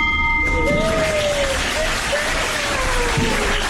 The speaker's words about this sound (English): So that really concludes most of our business items for the day, but I really cannot close out and hold this gavel and ring this bell without inviting those three special individuals to help me ring out the bell today.